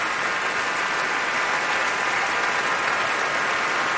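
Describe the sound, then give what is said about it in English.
Sustained applause from a large concert audience at the Royal Albert Hall as a pianist returns to the piano with the Munich Philharmonic Orchestra, a dense, steady wash of clapping hands that holds evenly loud for the full four seconds with no voices standing out. “She's incredibly diffident, almost hides behind the piano, doesn't really want us to step forward and applaud.”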